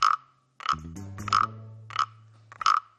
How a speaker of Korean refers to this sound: 아저씨가 한번 해볼게. 개구리가 등이 간지럽나 봐. 이거 등을 긁어주니까 노래를 부르네.